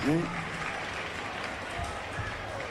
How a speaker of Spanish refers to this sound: Che, fuertes los aplausos y un agradecimiento muy especial por estar transmitiendo aquí en vivo esta peña hermosa. A la gente de Cadena 3, fuertes los aplausos, por favor.